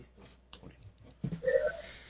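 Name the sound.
coughing fit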